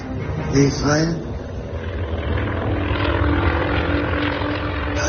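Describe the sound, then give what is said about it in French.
A steady, droning airplane engine on a flight to Israel hums loudly and continuously throughout, with brief muffled voices rising over it near the start. “Puis dans un avion pour Israël.”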